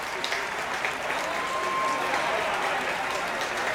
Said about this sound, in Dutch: En opnieuw, groot applaus hier in het Oosterpark in Amsterdam. Voor het Concertgebouworkest. En voor Hannah Chang. Die deze opening night dirigeerde hier vanavond in het Oosterpark.